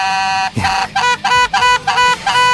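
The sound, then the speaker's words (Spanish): A vuvuzela blares in a string of about five loud, buzzing blasts separated by brief gaps, its droning tone steady and brassy with no talking over it. “Ahí está la bubucela.”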